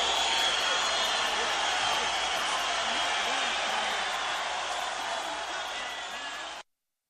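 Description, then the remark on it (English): An audience on a 1957 recording applauds steadily for several seconds, a dense, hissy wash of clapping that stays even in loudness before cutting off abruptly, with the muffled, band-limited tone of an old recording. “Normally, I wouldn't leave the applause up so long, but you know, I was trying to figure out if that audience liked it or not.”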